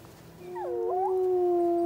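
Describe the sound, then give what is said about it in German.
A wolf howls in a long, steady, mournful note, with a second wavering voice briefly weaving around it before both settle into one sustained tone. Clear, with no talking. “Wölfe sind Jäger und Rudeltiere.”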